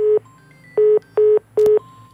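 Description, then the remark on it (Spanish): Four short, steady telephone beeps repeat at an even pace with brief gaps of low line hum between them, the busy-signal pattern of a listener's call to Radio Melodía that has dropped. “Se fue la llamada.”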